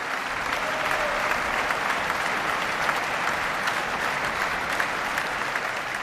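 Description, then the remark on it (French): Sustained applause from a large audience, an ovation for Isata Kane-Mason after a concert on 19 August at the abbatiale Saint-Robert opening the 60th Festival de la Chaise-Dieu; a dense steady patter of clapping that holds at an even, loud level throughout with no speech over it. “Alors, vous l'entendez, Isata Kane-Mason avait été ovationnée par le public.”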